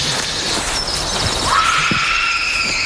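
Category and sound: sound effect, eerie scream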